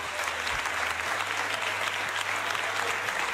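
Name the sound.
parliament chamber applause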